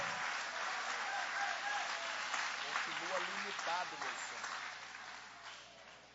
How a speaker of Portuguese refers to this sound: Pode aplaudir, pode louvar.